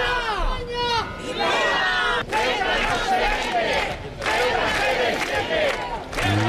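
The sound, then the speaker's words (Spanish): A large protest crowd in Spain, waving Spanish flags against Pedro Sánchez's government, shouts and chants together in loud, overlapping voices, rising and falling in waves of rhythmic yelling with no pauses, crying "¡Fuera los invasores! ¡Fuera!" “Muchas banderas españolas también, y entre los asistentes no faltaron insultos hacia el presidente, esos que riman con fruta, de los más exaltados, y contra la invasión, gritos como estos.”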